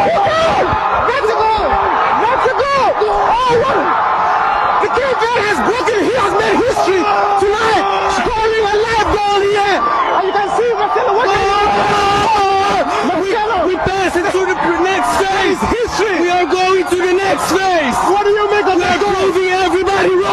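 A dense, loud crowd in Cape Verde erupts in celebration after the team's first-ever World Cup goal, heard during a BBC live interview, with overlapping shouts, whoops and wavering high-pitched cries that hold steady for about twenty seconds.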